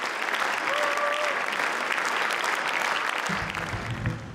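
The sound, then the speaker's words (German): Steady, dense applause from an audience, a loud crackling wash of many hands clapping that holds evenly for the whole few seconds, with a low murmur creeping in at the end. “Am Ende der Saison gibt's Applaus für die Bilanz.”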